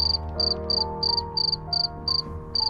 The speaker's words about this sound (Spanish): Cuentan cuántos cri-cri hace un grillo durante 8 segundos, intenta contar cuántos cri-cri hace un grillo durante ese tiempo, le sumas 5 y tienes los grados centígrados exactos que hace en ese momento.